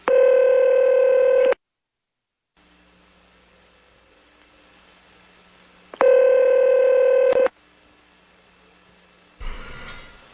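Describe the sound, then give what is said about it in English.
A telephone number being dialed: two long, loud electronic phone tones about four seconds apart, with quiet line hiss between them and a brief rustle at the end. “Then we're going to have to get him back on the phone again.”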